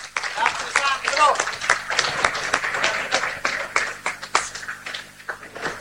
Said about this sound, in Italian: Abbiamo visto dunque anche l'applauso da parte dei tanti fedeli che sono qui allo stadio, quando hanno detto siamo tornati allo stadio di Via Recina di Macerata dopo 2 anni.